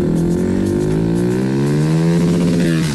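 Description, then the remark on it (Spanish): A Suzuki 160 motorcycle engine revs loudly, its droning pitch climbing steadily for a few seconds without a break. “la moto Suzuki Bistrom 160, que está espectacular.”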